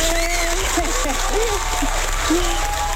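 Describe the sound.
An audience applauds steadily for about three seconds, a dense, even patter of many hands clapping, with scattered voices and a few shouts rising over it.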